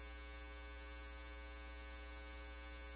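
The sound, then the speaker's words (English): A steady, harsh electronic alarm buzzes without a break, holding one unchanging droning tone throughout with no voices or other sounds. “Engine 14 from command, can we silence the alarm?”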